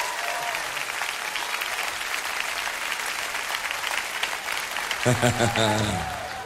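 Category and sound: crowd, audience clapping hands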